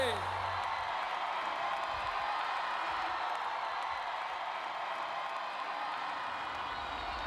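A crowd applauds and cheers in a steady, dense wash of clapping with scattered shouts. It stays loud and even for several seconds with no clear pause.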